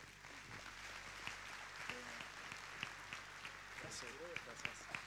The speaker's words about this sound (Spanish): Fuerte aplauso, gracias